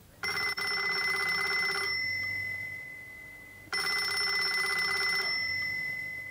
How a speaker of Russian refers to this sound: Этот телефонный звонок, как и положено в детективе, послужил завязкой для нашей истории